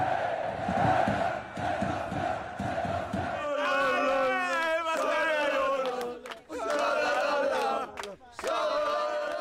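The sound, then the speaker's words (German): A large crowd in the SV Elversberg (SVE) stadium on a historic day roars and chants, first in a pulsing rhythmic chant, then rising into loud sustained cheering with whoops and shouting voices blending into a dense wall of sound. “Ein historischer Tag, bei dem das Stadion ausrastet und der Instagram-Kanal der SVE explodiert.”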